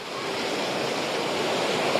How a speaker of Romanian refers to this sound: Mă aflu într-adevăr pe o plajă din Jupiter. Vântul bate cu putere, marea este agitată, sunt curenți puternici, este arborat steagul roșu, ceea ce înseamnă că turiștii nu au voie să intre în apă.